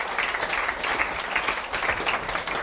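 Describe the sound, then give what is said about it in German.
Steady audience applause fills the space, a dense crackle of many hands clapping at once, sustained throughout with no talking over it, as a chocolate maker from Birkfeld is welcomed onto the stage. “Er kriegt natürlich auch einen Applaus.”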